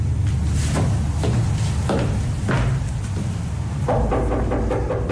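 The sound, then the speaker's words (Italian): A series of heavy, irregularly spaced knocks on a wooden door late at night, loud, with a steady low rumble underneath and no voices. “Chi è che bussa a quest'ora?”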